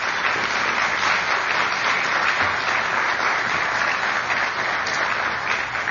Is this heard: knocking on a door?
no